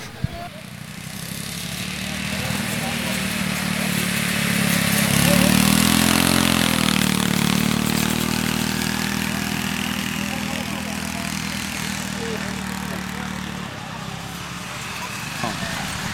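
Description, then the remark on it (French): A ride-on lawn tractor engine runs steadily for about thirteen seconds, rising briefly in pitch and loudness as it revs, then cuts off, with a busy outdoor background. “Bonjour, vous avez essayé les tracteurs tondeuses ?”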